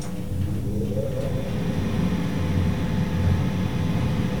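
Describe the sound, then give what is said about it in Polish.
A steady mechanical hum with low rumbling and a faint rising whine early on, an elevator traveling after its doors have closed, while its ventilation fan drones continuously underneath. “Tak, jedzie winda, teraz wentylator.”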